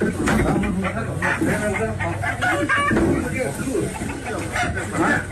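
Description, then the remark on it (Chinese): Chickens cluck and squawk in a glass-walled coop where rescuers in protective gear search for a snake nearly two meters long, a busy, continuous jumble of short fowl calls heard under people talking throughout. “这救援人员进到鸡舍内才发现，哎呦，这里边这蛇呀，长近两米。”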